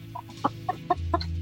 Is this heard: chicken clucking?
yes